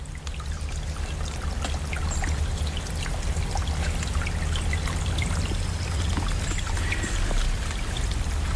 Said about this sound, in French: À présent, j'ai regagné le petit ruisseau que nous avons traversé tout à l'heure, toujours en mode stéréo.